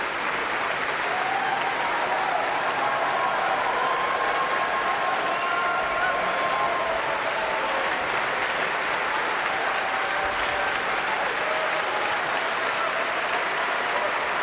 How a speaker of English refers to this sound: We heard Hilary Hahn in the Violin Concerto No. 1 in D major with the Philadelphia Orchestra under the direction of guest conductor Santu Matias Ruvali. And Hilary Hahn is applauding the orchestra.